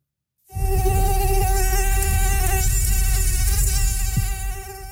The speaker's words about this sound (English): Yes, it's hard to escape that summer sound and the bites that come with mosquitoes.